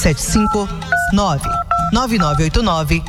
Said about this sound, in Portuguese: Olha, escuta, olha o telefone que toca. É o povo que liga.